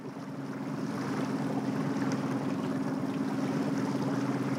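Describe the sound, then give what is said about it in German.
A small DDR-era trainer boat's engine drones steadily as it moves through a harbor while water rushes and slaps against the hull, a continuous wash of motor and waves with no talking. “Guck mal, jetzt kommen Wellen.”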